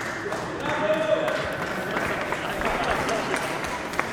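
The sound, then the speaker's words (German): An audience claps in a dense, steady wash of applause lasting several seconds, mixed with crowd murmur and voices, with no distinct individual claps standing out. “Okay, erst kurz ein Applaus”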